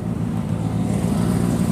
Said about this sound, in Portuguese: Esse roncar dos motores é que atrapalha um pouco.